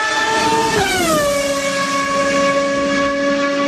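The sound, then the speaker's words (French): A loud Ferrari sports car engine howls with a strong tonal whine. Its pitch drops sharply about a second in, like a fast pass-by, then holds a steady drone with no talking. “Et vous avez raison, parce que ce sont trois Ferrari”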